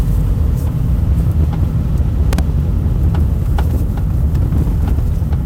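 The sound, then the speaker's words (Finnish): Irregular short knocks from a car's rear axle as it rolls over bumps, sharp thuds popping out over a steady low road and engine rumble, with no one speaking. “Toi nakutus tossa noin.”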